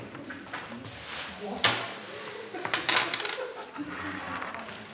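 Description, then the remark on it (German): Coins clink and rattle repeatedly as a counting team handles and counts the coins collected by participants in a two-hour coin-search competition, with sharp metallic jingles over a steady background murmur, a few louder clattering bursts midway. “Und das Auszählkommando bereits mitten bei der Arbeit.”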